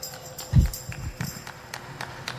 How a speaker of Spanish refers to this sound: el aplauso solitario llaman.